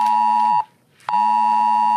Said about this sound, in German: Gepaart mit einer Textnachricht. Denn heute wird ebenfalls der AT-Alert, also das Warnsystem am Handy, vom Innenministerium ausgelöst und getestet, erklärt Sprecher …. Hier sprechen wir dann von einer österreichweiten Alarmierung.